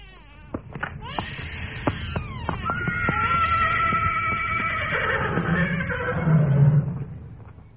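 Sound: horses neighing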